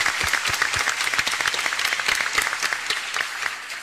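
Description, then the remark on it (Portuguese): An audience claps steadily to greet the standing Reabilita team, many hands making a dense, bright patter of overlapping claps that holds at an even level throughout, with no voices standing out. “Isso, olha aí, vamos saudá-los também com uma salva de palmas bonita.”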